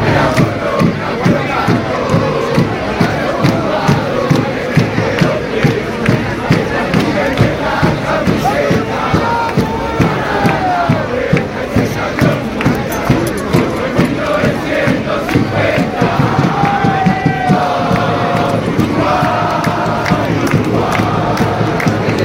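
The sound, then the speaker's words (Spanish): A large crowd of Uruguay national team football fans chants and cheers continuously in support of their team, a dense roar of many voices with rhythmic rising shouts, loud and sustained throughout without any single clear speaker. “La afición uruguaya, eso sí, responde a los suyos.”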